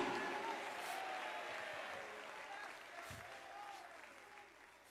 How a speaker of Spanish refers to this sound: Ay, ay, ay, dale ese aplauso al cordero.